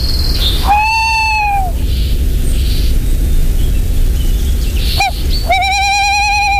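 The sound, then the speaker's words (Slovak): Harsh, rasping thrush alarm calls ring out, one drawn-out burst early and another at the end, separated by a sharp brief call, over a steady outdoor hiss. “Bo ten drozd tam varuje.”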